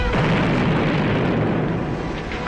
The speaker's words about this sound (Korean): 수류탄 폭발로 검은 연기가 솟구쳐 올랐다.